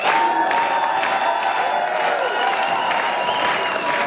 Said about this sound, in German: In beiden Fällen gibt's Applaus. Genau so wurde gestern gejubelt im Lungau.